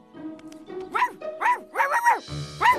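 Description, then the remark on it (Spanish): A dog that has been packed into the luggage barks in a quick run of about five sharp, high yaps, loud and slightly whiny, with a low rumble and faint background sound between them. “¡Empaqué un perro!”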